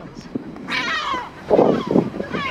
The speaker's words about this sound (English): Whoa! The seagulls again.